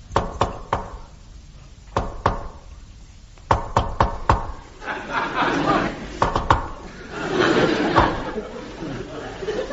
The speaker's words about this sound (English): so when I arrive, I shall give a secret knock.